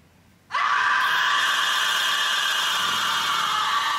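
A woman's sudden, piercing scream in a TV crime drama, as she finds a corpse, bursts in after a brief quiet moment and holds loud and sustained, shrill and unbroken, until the end, with no talking.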